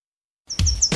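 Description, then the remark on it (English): After a moment of silence, a bird gives a few short, high-pitched chirps in quick succession over a low rumbling outdoor background. No one speaks. “Hear that? That's the great outdoors calling.”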